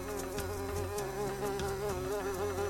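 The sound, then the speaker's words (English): A bee buzzes loudly and close by as it flies right up to a person, a steady droning hum that wavers in pitch as it hovers and darts around, with no voices present. “a bee flies right up to her and she panics.”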